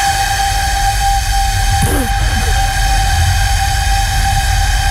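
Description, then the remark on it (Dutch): A 600-year-old flute, once excavated at a castle and now displayed in Dordrecht, is blown by a flutist as a warm-up, holding one steady, loud, reedy note with strong overtones through the whole stretch, over a breathy rumble, with a brief wavering flutter partway through. “Dit is een persoon die blaast op de fluit van 600 jaar oud.”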